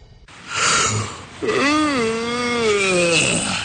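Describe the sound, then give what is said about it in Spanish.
A person asleep in traffic snores loudly: a raspy, breathy inhale followed by a long, drawn-out voiced exhale with a wavering, moaning pitch. No one speaks. “¿Qué es eso de andarte durmiendo en el tráfico?”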